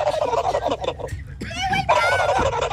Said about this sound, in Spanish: Mi sonido de un animal es el pavo.